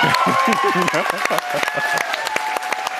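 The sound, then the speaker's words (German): A theatre audience in the ORF-Landestheater in Klagenfurt bursts into loud, sustained applause at the announcement of the Ingeborg-Bachmann-Preis, dense rapid clapping mixed with cheers and shouting voices, filling the room throughout. “Großer Jubel brach sich im Klagenfurter ORF-Landestheater Bahn bei Bekanntgabe des mit 30.000 Euro dotierten Ingeborg-Bachmann-Preises”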